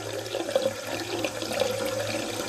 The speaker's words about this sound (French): On ouvre un robinet quelque part, ben voilà, on voit cette petite... petite hélice qui se met à tourner, puis les aiguilles qui indiquent la consommation d'eau.